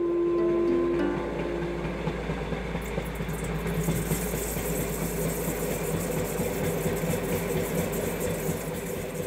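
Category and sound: vehicle, train engine running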